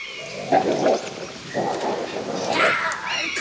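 animal, two wolves growling

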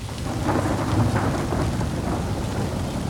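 nature, gust of wind

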